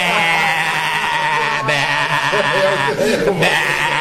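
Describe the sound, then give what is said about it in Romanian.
A person imitates a sheep, letting out a long, loud, wavering bleat with a shaky vibrato that continues for several seconds. “Dar eu sunt o oaie.”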